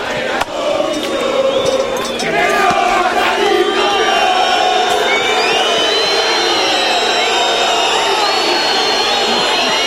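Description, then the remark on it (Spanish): A stadium crowd of Huracán football fans roars with anger as the players leave the pitch, piercing whistles rising and falling above a dense wall of shouting, jeering and insults that continues loudly throughout. “Se retiran los jugadores con todos silbidos, insultos, que se vayan todos, le gritan los hinchas.”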